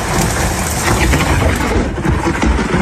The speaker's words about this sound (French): Le Gard a été touché par de gros orages. L'observatoire spécialisé Keraunos a recensé 929 éclairs depuis minuit dans le département, dans 70 Animes, ville la plus touchée de France cette nuit, suivie par Sabran à côté de Bagnols-sur-Cèze.